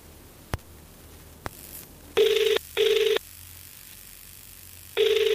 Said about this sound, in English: Hopefully, their phone is on. Okay, I could hear it ring for a bit.